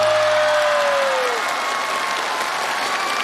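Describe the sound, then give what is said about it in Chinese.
A crowd applauds with steady, dense clapping that stays loud for the whole stretch, while a single tone glides downward through the first second and then fades out. “后排的朋友，让我们看看你们的双手。”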